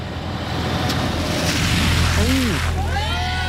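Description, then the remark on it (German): A truck drives through a deep puddle at the roadside beside the sidewalk, a loud, steady rush and slosh of water over a low engine rumble, with a few brief squealing tones near the end. “Tiefe Pfütze am Straßenrand. Du bist auf dem Gehweg und ein LKW oder auch ein anderes großes Auto fährt da durch und macht dich nass.”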